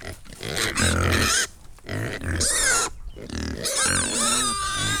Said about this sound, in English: went to meet Stephen and Rachel McMaster in Tempo in County Fermanagh and their woolly, curly-haired ancient Hungarian pigs to find out a little bit more about their artisan charcuterie business.